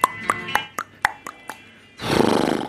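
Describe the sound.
On a radio show, a voice imitates a horse neighing in the distance: a rapid series of about seven sharp, stuttering pulses, then a loud, rough, breathy blast like a snort, with no talking.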